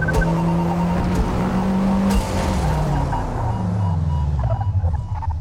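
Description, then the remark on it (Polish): A video game race car's engine whines loudly, dropping in pitch as it brakes hard on a track at night, with tires squealing briefly; the sound is continuous, with no talking. “No i znów hamujemy.”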